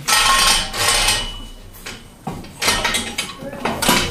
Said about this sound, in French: On a donc un système qui nous permet de descendre une colonne... Sur toi. On va avoir une colonne qui descend.